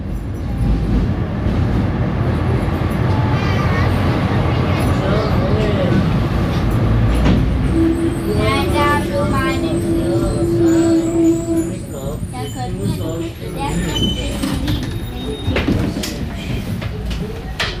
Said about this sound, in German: Die Straßenbahn hat uns in die Leopoldstadt gebracht, zu einem Besuch im Augarten, dem ältesten Barockgarten von Wien.